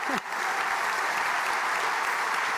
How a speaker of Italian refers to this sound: Facciamo un applauso.